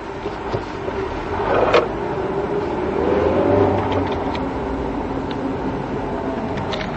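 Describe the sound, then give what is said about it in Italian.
A car with poor steering drones steadily over road noise, its engine pitch climbing and easing back as it revs mid-drive, with a brief knock early on and no voices. “Questa macchina è uno sterzo del cazzo.”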